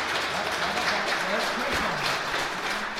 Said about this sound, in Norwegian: Ja, der var stort bifald fra publikum i den helt udsolgte Asminderød Kirke her i marts 2003.